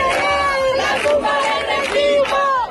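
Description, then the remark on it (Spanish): A protest crowd in a street in Seville, Spain chants loudly in unison, many voices merging into sustained, wavering tones that rise and fall in short repeated phrases about a second apart, with a dense murmur beneath. “Pues sí, así sonaba, por ejemplo, anoche el hartazgo en Sevilla.”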